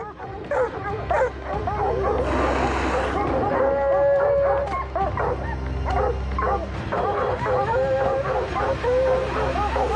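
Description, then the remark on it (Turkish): A pack of hunting dogs on a snowy mountain, hunting mountain lions, barks and yips excitedly without pause, loud, with occasional drawn-out whines and howls rising above the overlapping chorus. “Köpekleri geri çekeceğim ve geldiğim yöne geri gideceğim.”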